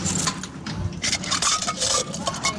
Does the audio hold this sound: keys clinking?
yes